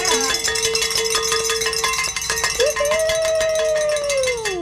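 A bell is rung rapidly and continuously to celebrate reaching a fundraising goal, its bright metallic clanging repeating in a fast, steady rhythm with a sustained ringing tone underneath.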